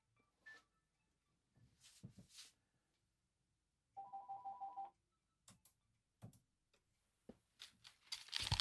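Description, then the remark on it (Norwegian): A single burst of electronic telephone ringing, a rapid warbling trill lasting about a second, surrounded by sharp clicks and rustling handling noises, with no talking. “Nu ser det ut att han ringer först och då väntar vi lite med.”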